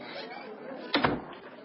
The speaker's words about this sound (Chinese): 随着副官关门的声音，到会的军官们都坐直了身子